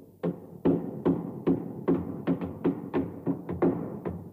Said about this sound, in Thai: ลองใช้กำปั้นของเจ้าเนี่ยตอกตะปูนี่สิ ได้สิจ๊ะลุงชาวนาดูให้ดีๆนะ